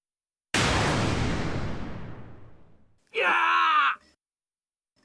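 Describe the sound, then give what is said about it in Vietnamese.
In an anime scene showing a ninjutsu technique, a roaring, crackling blast fades out over a couple of seconds, followed by a short, strained vocal cry, like someone yelling as they are knocked down. “Ồ, đây chắc hẳn là tiếng kêu khi bị hạ gục phải không?”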